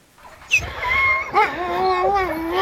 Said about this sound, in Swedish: ljusa, fluffiga hundar i Grönlands näst största stad Sisimiut, strax norr om polcirkeln, fick stå stilla